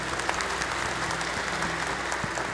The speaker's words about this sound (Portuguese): Uma salva de palmas, bem-vindos. Mais forte, gente.